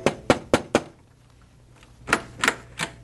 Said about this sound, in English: And then one day, there was a knocking at our door.